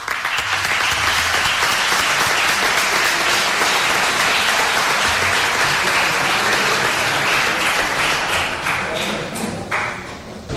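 A crowd applauds steadily for about ten seconds, a dense, loud wash of many hands clapping that holds strong throughout and only eases slightly near the end.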